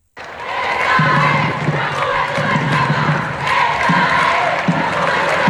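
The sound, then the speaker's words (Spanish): A small crowd of families and children with Vatican flags cheers and claps steadily outdoors, welcoming the Pope at the airport's State pavilion in Spain, with scattered shouts and voices mixed into a dense, continuous wash of applause that starts abruptly and holds for several seconds. “Ya dentro de las instalaciones del aeropuerto, en el pabellón del Estado, era esperado por un reducido grupo de familias, niños, aplausos, banderas vaticanas, y este espontáneo.”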